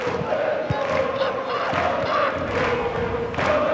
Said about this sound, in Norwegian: Fansen, publikummet til Stavanger-laget, de I hvert fall... I ekte sommermodus og tente og holder på og synger for full hals.